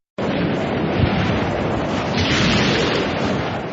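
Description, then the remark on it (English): A loud, steady storm roar fills the scene, with deep rumbling thunder rolling underneath and a brief heavier boom early on; no voices are heard. “When the clouds part ways and the storm subsides, you take your first sigh of relief.”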